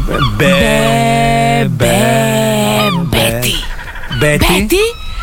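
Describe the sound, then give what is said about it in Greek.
Loud seagull cries: three long wailing calls with rising and falling pitch, followed by a quicker burst of shorter squawks, with no talking over them. “Καλέ, τι γλάρι ακούγονται.”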